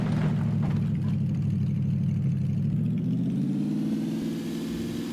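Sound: vehicle engine running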